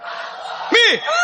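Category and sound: crowd, audience shouting and cheering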